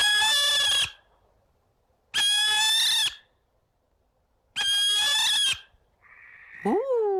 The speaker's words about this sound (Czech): To víme, že ano, kamarádi. Je to 3, 2, 1, sova. Jo, paráda. Krásně jste to uhádli. Chválím, chválím. Dobrý den, paní sovo. Kamarádi, dovolte, abych vám představil sovu pálenou